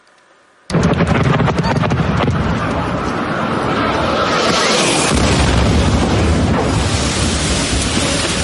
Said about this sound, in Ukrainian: Ці кадри випадкові перехожі зняли за секунду до вибуху. Гучний свист реактивного двигуна, паніка та люди, які пригинаються, закривають голови руками і намагаються сховатися від уламків просто неба на вулиці. Це столична Солом'янка сьогодні